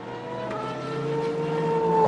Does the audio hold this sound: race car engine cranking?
yes